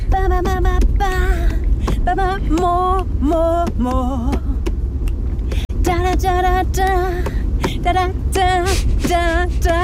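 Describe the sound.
A rock tune is sung or hummed by a single voice in short, wavering melodic phrases, with pitch glides and vibrato, over a steady low engine-like rumble that continues throughout.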